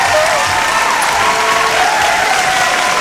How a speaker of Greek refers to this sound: Ένα χειροκρότημα για τη Μέλινα Σαλαμίδου θέλω